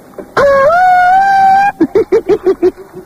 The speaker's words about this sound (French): Oh, ça continue à klaxonner le bordel. On croit dans un mariage.